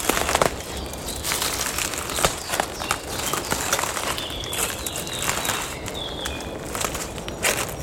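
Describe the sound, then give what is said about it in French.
Footsteps crunch steadily over dry twigs and brittle branches in a conifer undergrowth, each step a sharp crackle in a regular walking rhythm, with faint bird chirps in the background. “une multitude de brindilles, de branches desséchées, croustillent.”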